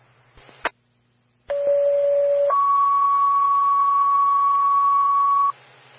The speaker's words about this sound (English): Elk Creek Fire, stand by for tones on call 2 and MVA.